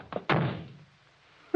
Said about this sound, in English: You shouldn't have slammed the door, Crane. You'll make him mad.